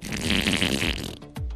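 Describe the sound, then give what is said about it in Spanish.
A voice imitates a long, wet fart, a sustained sputtering raspberry lasting over a second, ending with a short low burbling puff. Loud, with no words spoken. “Pero el esfuerzo del estornudo se le salió otro gas. Pero esto fue largo y aguado.”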